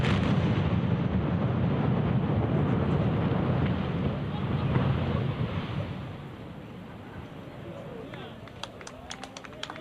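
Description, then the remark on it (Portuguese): A demolition blast bringing down two structures at a power plant: a heavy, deep rumbling roar that holds for several seconds, then slowly fades into a quieter wash with a few scattered claps of timid applause near the end. “Tímidos aplausos, sentímolo o golpe e a verdade que foi impresionante a demolición.”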